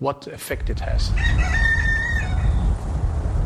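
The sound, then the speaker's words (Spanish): A rooster crows once in a garden where a few sheep are also present, a loud, drawn-out call that rises and holds before trailing off, over a steady low outdoor rumble, with brief voice-like sounds at the start. “En su jardín, un gallo y unas cuantas ovejas se acercan a nuestro paso”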